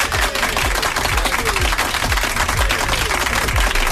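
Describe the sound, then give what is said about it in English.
A crowd applauds steadily for a contestant who took part, dense overlapping claps forming a continuous, fairly loud wash of sound with no voices standing out. “So once again, a round of applause to you for taking part.”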